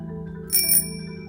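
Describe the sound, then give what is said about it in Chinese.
A bicycle bell rung by someone riding a bicycle past on the street: a quick, bright double trill lasting under half a second, its high metallic tones lingering briefly over a steady low hum of street background. No voices. “你听，有人从街道上传来这个声音呢，而且有人骑脚踏车经过，再按脚踏车的铃声。”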